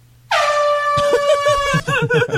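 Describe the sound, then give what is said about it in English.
A loud, sustained air horn blares abruptly and holds its piercing tone for about two seconds, with voices chattering beneath it near the end. “That's the longest air horn I've ever heard.”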